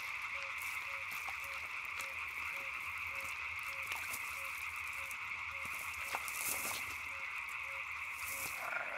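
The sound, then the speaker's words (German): A dense chorus of frogs croaking steadily from a wetland, the Ried in the Upper Rhine Valley, with a continuous high-pitched trilling band and regular pulsed calls repeating throughout, no voices present. “Wer davongekommen ist, darf weiter quaken.”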